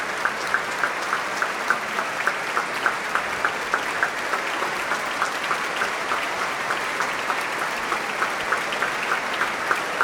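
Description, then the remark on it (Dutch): An audience applauds steadily for an encore, a dense wash of clapping with a regular, pulsing beat running through it as the crowd claps in unison. No one speaks. “Want dit publiek, dat wil een toegift.”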